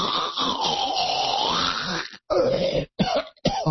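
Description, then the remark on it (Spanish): A man imitates snoring: one long, loud rasping inhale, then a few shorter snorting bursts separated by brief pauses, with no talking. “Entonces ya tienen ahí todos mis sonidos de mis roncadas simuladas, que probablemente mi mujer escuche las mismas en la noche.”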